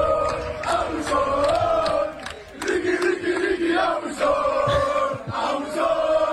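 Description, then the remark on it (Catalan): A large crowd of basketball fans chants Ricky Rubio's name, calling "Ricky", in loud, rhythmic unison, the repeated two-beat call rising and falling with a brief dip before surging again. “I escolteu també com van rebre a Ricky Rubio.”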